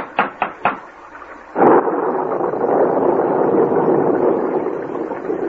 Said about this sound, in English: We can't go any farther in this downpour. We shall most likely have to stay in this doorway, then.